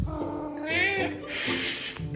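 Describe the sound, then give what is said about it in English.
A cat that has come in from outside meows at dinner time, 6 o'clock, wanting to be fed: one drawn-out rising and falling meow followed by a harsher, breathy cry, loud and insistent over a low background. “my cat Ollie has come in from outside, and now he's being noisy”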